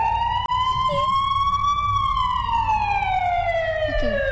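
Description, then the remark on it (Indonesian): A loud ambulance siren wails steadily, its pitch rising slowly then falling in one long sweep, with a low rumble of traffic beneath and no talking. “Kita puterin dulu ambulans ya.”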